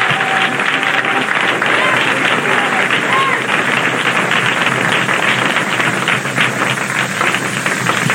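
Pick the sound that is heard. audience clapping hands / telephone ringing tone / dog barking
audience clapping hands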